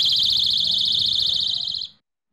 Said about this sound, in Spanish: Y ya para los menores de edad existen los llaveros con alarmas disuasorias. Lo voy a activar para que veáis el sonido que hace.